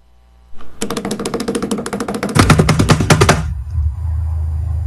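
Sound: drum roll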